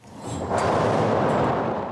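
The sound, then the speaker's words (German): A theatre's analog thunder machine: a loud, dense rumbling clatter of steel balls pulled by cord over wooden slats, dropping 26 metres. It swells up quickly and rolls on steadily, like a thunderous roar, with no voices. “Da rauschen Stahlkugeln mit lautem Gepolter per Schnur über Holzlamellen 26 Meter in die Tiefe.”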